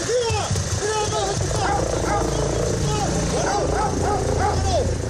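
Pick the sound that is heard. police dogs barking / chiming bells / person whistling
police dogs barking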